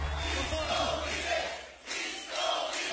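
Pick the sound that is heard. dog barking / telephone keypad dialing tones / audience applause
audience applause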